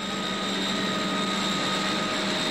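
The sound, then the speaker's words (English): A Heron propeller aircraft engine drones steadily and loudly, a constant roar with a humming tonal whine that never lets up, as the aircraft, piloted by the Duke, flies Prince Charles to school. No voices are heard. “The Duke used the Heron aircraft, in which he has made many flights.”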